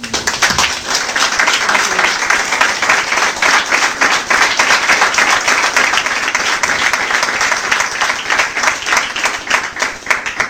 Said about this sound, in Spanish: Un aplauso al Señor.